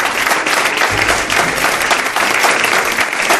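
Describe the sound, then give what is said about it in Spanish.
Loud, sustained applause from an audience, a dense wash of many hands clapping steadily for the whole few seconds with no voices standing out. “No os he pedido un aplauso para ella,”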